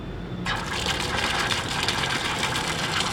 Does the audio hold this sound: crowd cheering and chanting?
no